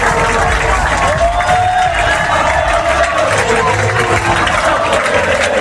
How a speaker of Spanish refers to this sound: Aplausos y gritos de olé olé en Wembley.